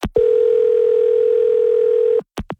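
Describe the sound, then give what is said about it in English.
A single steady telephone ringing tone hums loudly and evenly for about two seconds, then cuts off, followed by a couple of quick clicks. “Well, I should say you were calling me over and over and over again, but I just called you.”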